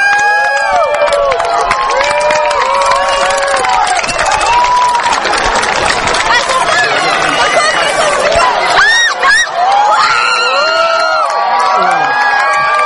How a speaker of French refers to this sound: La lumière diminue de plus en plus. C'est super impressionnant. Voilà, il n'y a plus qu'un petit bout. Écoutez les applaudissements.